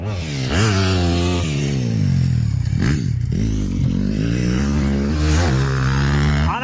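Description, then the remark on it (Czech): Motocross motorcycle engines roar loudly and continuously during a motocross training session at the Pacov automotoklub in Vysočina, Czech Republic, their pitch climbing and dropping as riders rev and shift, with the whine of several bikes overlapping. “Tohle burácení je motokrosový trénink v automotoklubu Pacov.”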